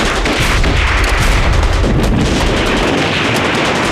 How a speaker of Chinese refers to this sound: 哎，老爷，啊，你听，这枪声稀了不少。